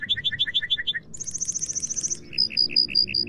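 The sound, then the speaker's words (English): A male lark bunting in breeding season sings a varied, medley-like song to call for a mate: a run of repeated two-note chirps, then a rapid buzzy trill, ending in slower clear whistled notes over a low rumble. “And he calls for a mate with a song that sounds like a medley of many others.”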